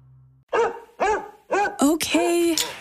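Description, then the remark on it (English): A dog barks four times in quick, evenly spaced bursts, then lets out a longer, high whining whimper, loud. “Taking the dog for another walk?”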